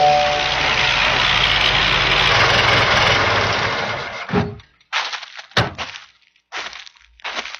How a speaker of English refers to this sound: One day, as the hungry child played alone by the road, a car pulled up and stopped.